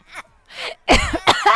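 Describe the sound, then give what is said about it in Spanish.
Two soft, breathy exhalations followed by a couple of loud, harsh coughing bursts with a rasping, strained quality, as laughter ends in coughing. “Me dio la tos.”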